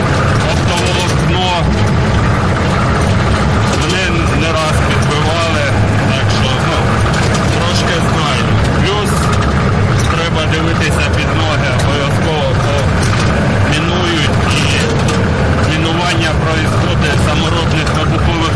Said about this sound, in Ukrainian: Першим перевіряє безпечність маршруту броньований та обшитий сітками «Хаммер», за кермом якого водій